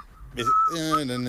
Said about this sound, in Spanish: ¿Pero quién está silbando?